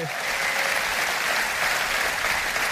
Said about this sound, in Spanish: Vamos, si le vas a dar un aplauso, dáselo más, más fuerte.